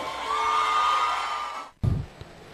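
An audience applauds steadily with cheers and a sustained whistle-like tone mixed in, then the sound cuts off abruptly, followed by a brief low rumble.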